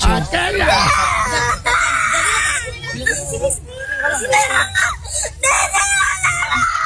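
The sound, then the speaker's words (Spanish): A young girl wails loudly and without letup, high strained cries rising and breaking over several seconds, with gasping pauses between bursts of crying. “Oye, pero llorando, duro.”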